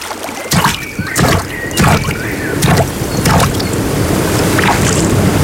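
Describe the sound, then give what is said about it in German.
Water splashes in a series of rhythmic bursts, like paddle strokes, over a steady rush of flowing water, with no voices; sounds of lake, spring and river water in Bavaria. “See, Quelle, Fluss, im Gleichgewicht.”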